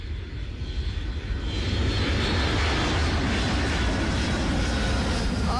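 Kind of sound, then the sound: vehicle, airplane engine flying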